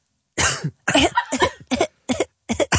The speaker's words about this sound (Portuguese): Ai, que ele tem tosse. Bebe aguinha, meu amor. Desculpa.